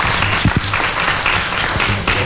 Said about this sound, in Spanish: Si es que le recibimos con un fuerte aplauso a la diputada Ida Catebeque.